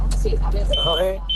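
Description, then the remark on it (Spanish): A shrill, steady electronic alarm tone sounds in two beeps, the second after a short gap, cutting through a caller's voice over a muffled phone line with low rumbling in the background. “No, pero la alarma nos ha fastidiado un poco el audio, ¿eh?”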